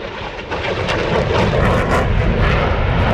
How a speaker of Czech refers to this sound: K vidění budou i tentokrát desítky letadel, vrtulníky, ale taky pozemní vojenská technika.